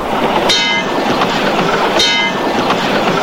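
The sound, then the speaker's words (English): A subway train rattles along the rails with a steady, loud roar, broken by two sharp metallic clacks about a second and a half apart, each trailing a high screeching whine. “And riding on subways.”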